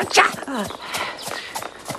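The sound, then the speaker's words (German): Horse hooves clip-clop in a steady walking rhythm while someone rides a brown-and-white pony, the clopping partly under a voice talking over it. “Und ich ritt mit Galligat auf einem braun-weißen Pony.”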